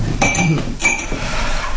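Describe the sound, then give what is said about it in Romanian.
Two bright glass clinks about half a second apart, fairly loud, each with a short ringing tone, over a quiet low background hum, as a glass of cold water is served. “Un pahar cu apă rece?”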